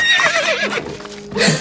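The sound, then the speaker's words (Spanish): A horse carrying a rider whinnies loudly, followed by a brief scatter of hoof clatter as it moves past; no one speaks. “Se esconde ante el paso de un jinete.”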